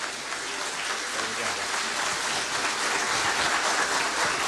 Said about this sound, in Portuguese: Palmas para eles e palmas para elas.